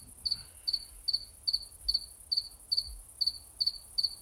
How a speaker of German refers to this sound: Das nennst du Lärm? Hör dir das Gesäge doch mal an! Gesäge? Du nennst den Gesang der Zikaden ein Gesäge? Es sind mindestens drei und sie sägen. Sie singen. Singen das uralte Lied von Sonne.